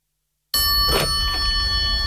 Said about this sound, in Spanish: Por fin suena el teléfono. La joven escritora descuelga.